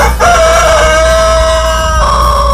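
A rooster, the 'papudo' of Acilo Severo, crows loudly, one long drawn-out call with a steady held tone that shifts pitch near the end, on the Bom Dia 104 show of Rádio Jornal FM, with no talking over it.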